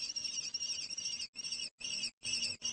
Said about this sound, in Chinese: 听到小红隼的叫喊，乌鸦有些犹豫，最终它飞走了。可能这些幼鸟太大了。